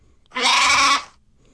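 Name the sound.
sheep bleating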